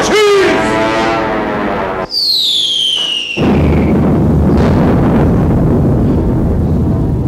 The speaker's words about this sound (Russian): Гляди, зенитчики орудия разворачивают. Немец летит, слышишь?